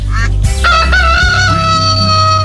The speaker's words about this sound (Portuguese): O Chiquinho despertou. O galo cantou.